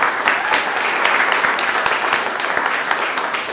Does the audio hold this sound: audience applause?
yes